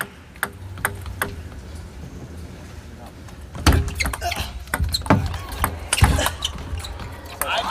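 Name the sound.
table tennis ball rally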